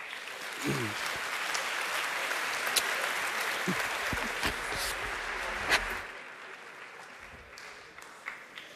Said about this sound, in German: Herzlich willkommen hier auf der Bühne. Einen großen Applaus.